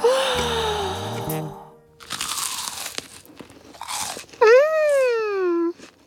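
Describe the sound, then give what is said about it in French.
Two loud bursts of crisp crunching as popcorn is bitten and chewed at a pyjama party, set among cartoonish vocal sounds: a long tonal hum at the start and a pleased, wavering moan at the end. “se régalent en croquant les pop-corns.”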